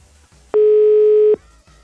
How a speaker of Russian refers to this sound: Номер занят. Оставьте сообщение на автоответчик.